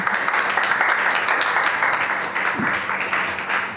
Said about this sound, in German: Ja, viel Applaus gibt es auch für die Lautenkompanie Berlin, denn das ist eines der bekanntesten deutschen Barockensembles.